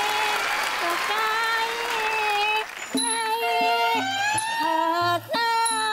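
An audience claps in a dense, steady burst for a few seconds over bright music. The applause then fades away, leaving the tonal music playing alone.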